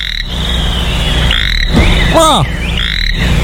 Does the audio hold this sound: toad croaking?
yes